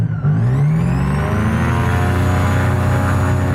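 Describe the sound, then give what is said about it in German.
The engine of a small two-seat airplane is started, catches and quickly revs up, then settles into a loud, steady droning roar, with no voices over it. “Wir machen die Tube zu und starten den Motor.”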